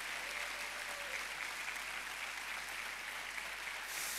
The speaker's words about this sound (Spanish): ¿Podemos dar un aplauso a esta verdad?